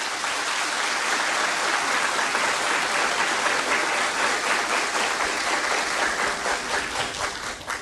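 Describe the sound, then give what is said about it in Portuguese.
An audience applauds a group of parish catechists steadily for several seconds, a dense wash of many hands clapping at once, loud and sustained before tapering off slightly at the end. “Quero que todos dê uma salva de palmas para eles.”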